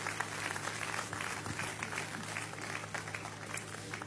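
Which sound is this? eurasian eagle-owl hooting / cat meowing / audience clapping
audience clapping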